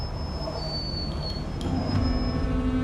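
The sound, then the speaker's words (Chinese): A heavy truck engine drones steadily, a deep rumble with a thin high whine over it, its pitch rising slightly toward the end as the truck, carrying about 5.4 tons of cement and 4.5 tons of timber, nearly 10 tons in all, works to climb a steep, slippery slope. “这批水泥重约5.4吨，木材重约4.5吨，所以卡车上是载着近10吨的货物，我不知道它能不能开过那个树桩。”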